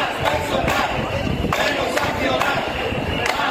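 A large crowd of hundreds of residents protesting through the streets of Cieza in defence of public healthcare chants slogans in unison, a dense, continuous roar of many voices with rhythmic shouted bursts recurring about every second.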